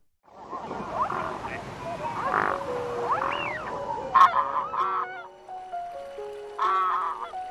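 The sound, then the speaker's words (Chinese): Mute swans honk and call repeatedly in a dense, overlapping chorus, loud, landing in spring on the just-thawed ice of Wuliangsuhai lake, thinning out toward the end into a few scattered honks over quieter background. “春天，当游鼻天鹅再次降落在乌梁素海刚刚消融的冰面上，这里再次成为鸟的王国。”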